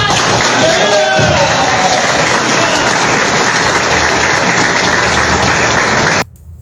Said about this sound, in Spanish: Un aplauso.